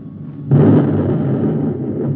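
A low rumble gives way to a sudden loud blast at about half a second, as the number one guided missile strikes a robot closing in on Neptune, followed by a long, heavy roaring explosion that slowly tapers off.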